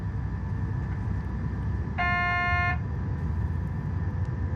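A steady, sustained horn blast with a bright harmonic tone lasts under a second, sounding over a constant low rumble of the idling engine of an Oderlandbahn Bombardier Talent regional train, ready to depart from Lichtenberg toward Korszczyn, Poland. No one speaks.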